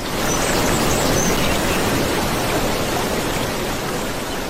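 river water flowing

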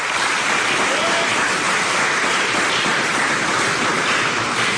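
audience applause

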